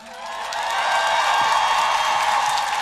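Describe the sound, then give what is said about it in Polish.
A big crowd at a festival concert breaks into applause that swells over the first second, then holds as a loud, dense wash of clapping with some cheering mixed in. No one speaks. “Ale najpierw poproszę o ogromne brawa.”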